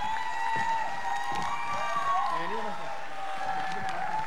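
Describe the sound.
An audience at the 15th anniversary of La Tragalosa applauds a guest musician steadily for about four seconds, a dense wash of clapping mixed with cheering and voices that stays at an even level throughout.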